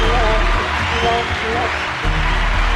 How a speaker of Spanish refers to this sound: Oye, voy a pedir un aplauso para James Clerk Maxwell, por favor, un aplauso fuerte, por favor.